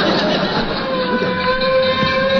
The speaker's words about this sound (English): Oh, there goes the fire truck.